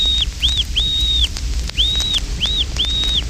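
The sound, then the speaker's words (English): A pintail duck gives a series of five or six short, clear piping whistles, each rising and falling in a quick arc, spaced irregularly over a low, steady background rumble. “Fintail and Weegean converse in a piping whistle, the fintail whistle.”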